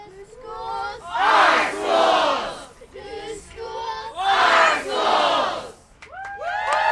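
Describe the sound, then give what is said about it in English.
A crowd of hundreds, including students, parents and teachers, rallying in Portland against Portland Public Schools' plan to close as many as 14 schools, chants together in loud, rhythmic swells, with two big surges of shouting and cheering rising and falling over several seconds. “In between chants and cheers, students, parents, and teachers spoke to the crowd about how closures would affect the Portland community.”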